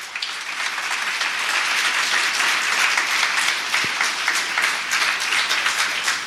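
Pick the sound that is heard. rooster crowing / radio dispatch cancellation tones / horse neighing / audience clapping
audience clapping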